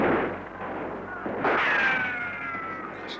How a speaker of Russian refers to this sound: Наши минометы! Обидно будет, если своих накроют.